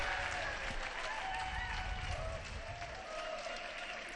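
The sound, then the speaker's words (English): A large, joyful crowd claps steadily in a square, the dense applause holding at an even level throughout, with faint scattered cheers and voices mixed into the wash of sound. “A joyful crowd in the square.”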